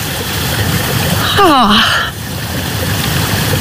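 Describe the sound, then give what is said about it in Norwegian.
Spring water emerges and trickles steadily between stones and green moss in a continuous hiss, briefly overlaid by a short falling voiced sound partway through. “Det ingenting over, og så plutselig så bare kommer det ut og pipler fram mellom steiner og mellom det grønn mose akkurat.”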